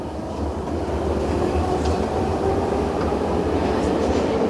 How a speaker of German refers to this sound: Dann schließen sich die Türen. Die S-Bahn fährt los.